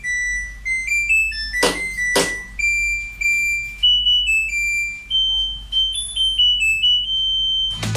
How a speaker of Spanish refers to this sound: Esa es otra buena pregunta para los fabricantes de las lavadoras. ¿Cómo se le ocurre esa musiquita final? Y no hay cómo cambiarla. ¡Ay, qué tediosa!